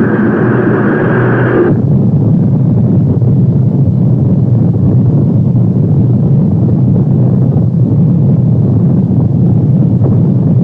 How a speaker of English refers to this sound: T-minus 10, 9, 8, 7, 6, 5, 4. We've gone for main engine start.